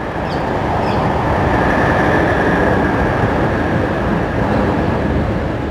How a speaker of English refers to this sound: Oh, there we go. We can hear the train now. I'll just let that play.